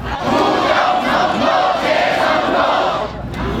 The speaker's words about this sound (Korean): 사태가 장기화하면서 참가자들이 외치는 구호도 제각각입니다.